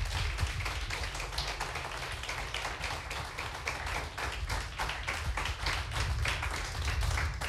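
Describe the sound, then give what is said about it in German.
Sustained audience applause as performers are called back onto the stage for a vote: a dense, steady wash of many hands clapping at once with no voices breaking through, moderately loud and even throughout. “Wir kommen jetzt wieder zur Abstimmung und unter Applaus bitte ich noch einmal auf die Bühne”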